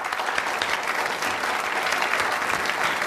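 Steady, dense applause from an audience welcoming a female comedian, a continuous bright wash of many hands clapping at even volume for about three seconds with no voices standing out.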